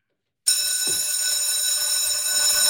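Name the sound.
school bell ringing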